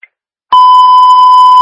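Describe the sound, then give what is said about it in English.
A radio dispatch alert tone alerting units to a fire alarm in Trailer Township for a non-emergent response: after a tiny faint blip and a short silence, one loud, steady high-pitched tone sounds and holds unbroken until the end, with no voices. “Units alert for the fire alarm trailer township, non-emergent response for 261 Chief.”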